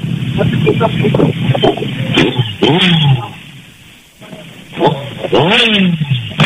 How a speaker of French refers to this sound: On entend bien les bruits des moteurs ici. Alors, plus de 5000 moteurs et motards ici,